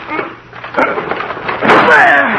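Two people ram a locked door with their shoulders: a dull thump, then a louder crashing blow as it gives way, with voices talking faintly underneath and over the end.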